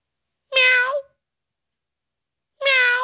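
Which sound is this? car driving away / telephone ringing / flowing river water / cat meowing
cat meowing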